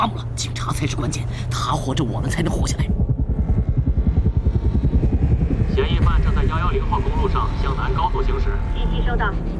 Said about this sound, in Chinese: 多架直升机正在追踪这两名嫌疑人，警车紧追不舍。